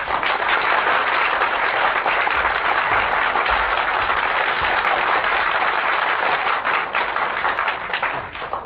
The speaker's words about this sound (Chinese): 咱们掌声请出天津这两位相声名家。